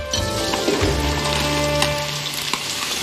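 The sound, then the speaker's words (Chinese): Chicken pieces being fried a second time in reheated hot oil in a wok, to make them crisp for popcorn spicy chicken (爆米花辣子鸡), give a loud, steady, dense sizzle with constant fine crackling, plus a few sharper pops scattered through the three seconds. No one speaks. “对，它其实呢就是你捞起来以后，它的这个鸡肉的温度会降低，然后呢把油温烧热以后再下进来，它又回到一个高温上去，这一冷一热之间就把这个鸡肉呢变得非常的酥脆了。”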